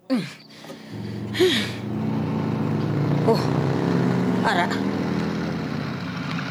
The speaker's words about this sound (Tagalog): Ato, may motor nga nagpundo sa ugsara namon.